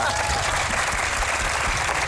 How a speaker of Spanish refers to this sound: Así que aplaudan, vamos, vamos.